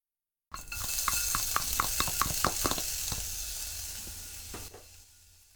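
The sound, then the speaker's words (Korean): Finely chopped ginger sizzles in a hot pot, a steady loud crackling hiss with a quick run of sharp pops early on, fading slightly before cutting off near the end. No one speaks. The ginger is added to release its aroma before minced meat is stir-fried. “그 전에 잘게 썬 생강을 넣어서 향을 내줍니다.”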